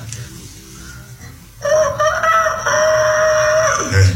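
A rooster lets out a single loud, drawn-out crow that starts abruptly and holds a strong, steady tone for about two seconds before trailing off, over low background noise.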